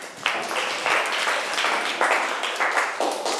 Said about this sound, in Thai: เก่งมากเอาปรบมือให้เพื่อนค่ะ